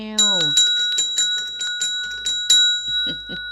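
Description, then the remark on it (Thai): A small bell-like ding rings rapidly and repeatedly, about eight bright metallic rings in quick succession, fairly loud, just after a short sliding tone at the start; used in place of a bell as an early-morning wake-up call. “อันนี้แทนระฆังนะตอนแรกก็จะซื้อระฆังเล็กๆมาตีแบบก็กลัวว่าเอ๊ะมันก็ยังดึกเนาะบางคนก็ยังไม่ตื่นนะเดี๋ยวเขาจะเอ๊ะมีวัดมาอยู่แถวแถวนี้หรือเปล่านะฮะ”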